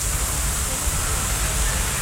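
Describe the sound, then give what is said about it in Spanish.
Heavy rain pours down in Barcelona, Catalonia, during a strong storm of rain and wind. It is a steady, dense, loud hiss that fills the whole clip, with no pauses or distinct drops standing out from the roar. “El sonido de la intensa lluvia caída en Barcelona, donde uno de sus principales ríos, el Besós, ha llegado a multiplicar por 200 su caudal habitual.”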